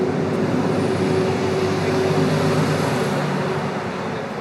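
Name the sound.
cars arriving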